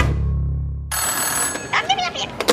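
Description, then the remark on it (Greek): A telephone rings with a steady electronic tone, fairly loud, in an advertisement for Enka Food, announcing a call from the president. A voice begins speaking over it partway through, after a low rumbling sound fades out. “Τηλεφώνησε ο πρόεδρος και έρχεται με μεγάλη παρέα απόψε.”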